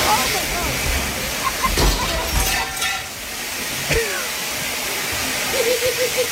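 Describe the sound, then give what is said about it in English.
A strong, steady rush of water sprays continuously from a broken commercial sprinkler head that a woman broke, flooding the room; a loud hissing gush fills the whole stretch, with faint voices briefly audible beneath it. “That is so much water. It's not like a sprinkle. It's a huge gush.”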